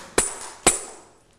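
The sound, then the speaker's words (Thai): Two sharp tambourine strikes about half a second apart, played by a teacher as a rhythm signal for children, each a bright jingling crash that rings out and fades, with no voices. “แทมโบรีนนั่นเองค่ะเดี๋ยวคุณครูนะคะจะให้เสียงสัญญาณจังหวะแบบนี้ค่ะ”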